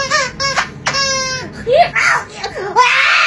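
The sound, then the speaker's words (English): A squeezy toy lets out a few short, high-pitched squeaks in quick bursts, followed by wavering, squealing vocal sounds as a voice imitates the toy. “Hey guys, I have perfect pitch, so I'm going to squeeze this squeezy toy and then mimic the sound it makes.”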